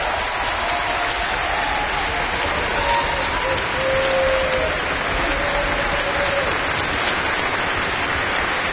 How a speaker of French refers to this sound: qui est ici également au violon et qu'on va applaudir bien fort et qui va nous parler tout à l'heure.